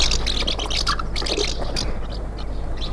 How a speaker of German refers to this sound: Was? Vielleicht die Mehlschwalbe.